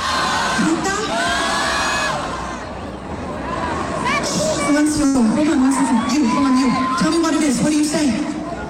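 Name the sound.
crowd shouting and cheering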